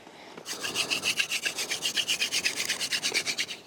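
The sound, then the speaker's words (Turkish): Rapid, rhythmic rubbing of wood against wood to start a fire, a steady scraping stroke repeating about seven times a second, bright and raspy, with no voices. “Birlikte çalışıp bu koru elde etmeliyiz çünkü bu ateşe ihtiyacımız var.”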